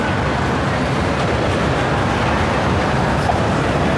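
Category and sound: vehicle, train interior rumble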